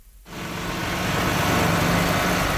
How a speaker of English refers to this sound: Bulldozers and dump trucks are busy repairing dozens of damaged roadways from this weekend's major storm.